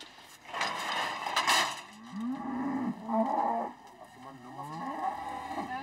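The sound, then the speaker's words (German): Cattle moo during hoof trimming in long, low, drawn-out calls, several overlapping bellows rising and falling in pitch over a steady background hum, loud throughout with a brief noisy burst near the start. “Der Krach würde die Rinder nur noch mehr beunruhigen.”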